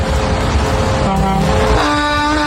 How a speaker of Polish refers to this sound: Poprosiłem, że jak ktoś nas słucha rzeczywiście jadąc za kierownicą takiej wielkiej ciężarówki, to niech nam trąby podeśle.